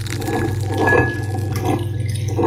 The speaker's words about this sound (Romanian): Punem apă caldă.